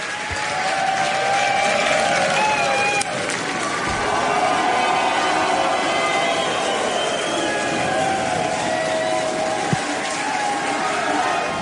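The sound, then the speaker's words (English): The SpaceX team cheers and applauds loudly and without pause at the launch of a Starship rocket heading towards space, with excited shouts and whoops rising over a dense, steady wash of clapping for about twelve seconds. “So, as you can see there, the SpaceX team were pretty excited when it launched up heading towards space.”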